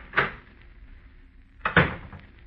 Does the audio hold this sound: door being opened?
yes